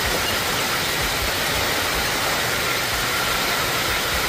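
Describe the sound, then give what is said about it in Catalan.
Heavy rain from one of the strong thunderstorms that struck over the weekend, in the Girona counties or the Pyrenees, pours down in a dense, steady hiss and roar. It holds an even loudness throughout, with no voices and no distinct thunderclap standing out. “Així sonaven algunes de les tempestes que han descarregat fort aquest cap de setmana, molt especialment dissabte, però ahir també, ahir la tarda, a les comarques de Girona i també al Pirineu.”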